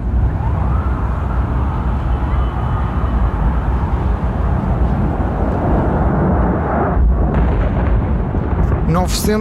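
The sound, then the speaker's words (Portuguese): United Airlines Flight 175, the second airliner, crashing into the South Tower of the World Trade Center between floors 77 and 85 on 11 September 2001 and exploding: a loud, continuous roaring rumble fills the whole stretch, with wailing sirens and indistinct voices mixed in. “Aqui é o segundo avião que chocou com a Torre Sul entre os pisos 77 e 85.”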